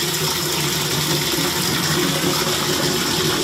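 Water pours steadily from a tap into buckets and basins, a continuous close rushing and splashing with a faint rising fill tone, no voices present.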